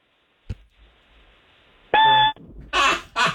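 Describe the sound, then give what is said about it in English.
A man's voice mimics a smoke detector's annoying chirp as when it goes off in the middle of the night: a single short, loud, piercing electronic-style beep after a faint click, followed by two breathy bursts of noise. “All right, do a smoke detector going off in the middle of the night, like that annoying chirping.”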